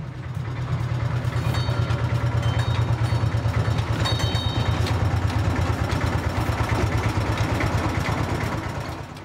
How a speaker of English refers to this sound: This is a train.